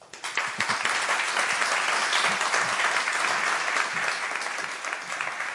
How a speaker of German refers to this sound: Ich löse das noch kurz auf, in der Hoffnung, dass ich für Sie noch einen Applaus erbeuten kann.